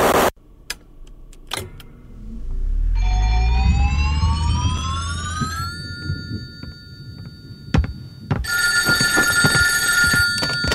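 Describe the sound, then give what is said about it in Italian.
A telephone bell rings loudly and continuously near the end, at 1:40 in the morning, preceded by a rising electronic tone over a low engine rumble and a few sharp clicks; no one speaks. “Erano le 1:40 del mattino quando mi squilla il telefono”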